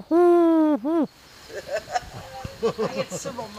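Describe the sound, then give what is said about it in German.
A person imitates a wood pigeon's cooing: one long, throaty hoot followed by a shorter one, then quieter conversation picks up in the background. “Ja, ich bin die größte Reihe, ich bin die größte Ringeltaube.”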